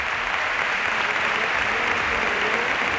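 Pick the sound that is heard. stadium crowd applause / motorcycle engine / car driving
stadium crowd applause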